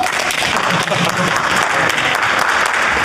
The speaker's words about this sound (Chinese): 大家鼓掌欢迎。